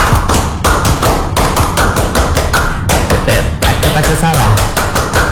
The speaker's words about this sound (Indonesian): Sebelum kita tutup, kita tepuk pramuka lagi dong. Satu kali atau dua boleh? Dua kali. Pramuka.